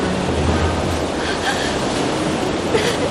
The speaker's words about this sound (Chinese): 是洞内瀑布。 真是好险啊， 我们好像被冲到了溶洞的最下层。